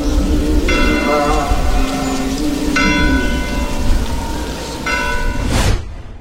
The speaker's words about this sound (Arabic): ساد الصمت ولم تسمع إلا أجراس الكنائس وآيات القرآن.